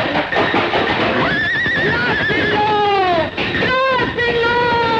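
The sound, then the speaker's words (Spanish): A horse rears up and neighs loudly, letting out several shrill, quavering whinnies that rise and fall in pitch over a dense, rumbling background, as it tries to knock down a fence with its front legs. “Así vi yo ponerse de manos aquel caballo blanco de rayo de plata.”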